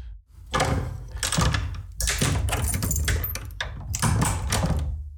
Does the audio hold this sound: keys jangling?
yes